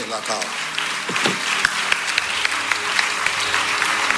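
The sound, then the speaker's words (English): An audience claps for Jesus in a dense, steady burst of applause lasting about four seconds, with a few voices calling out faintly underneath the clapping. “Clap for Jesus.”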